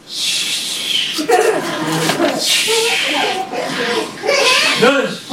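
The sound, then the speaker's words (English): A man snores theatrically in a stage performance by The Bible Players before a live audience, alternating hissing breaths with grunting, pig-like snorts at shifting pitches. The snoring runs loud and steady throughout, like an exaggerated performed imitation. “The story starts with the snoring man waking up from a bad dream.”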